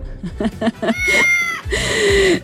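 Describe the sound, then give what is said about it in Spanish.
A cat meows loudly, a few short cries followed by two long, drawn-out, strained meows, with no other sounds around it. “Ah, dice, mi gata se llevó a saltar con el gato de la radio.”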